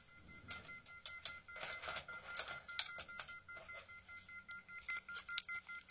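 A telephone line left off the hook beeps: a quick, irregular series of electronic tones over a steady hum, fairly faint, with no one talking.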